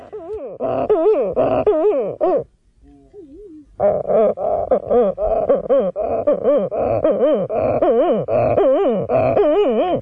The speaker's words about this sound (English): The Sooty Shearwater. Mutton Bird. Titi.